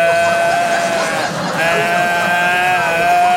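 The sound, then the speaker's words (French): A voice imitates a stag's bellow, showing how the speaker bellowed during two days of childbirth labour, holding a loud, strained, wavering groan for several seconds, with a brief dip in the middle before it swells again. “2 jours que j'étais là, bramé comme un cerf. Comme ça que j'étais là.”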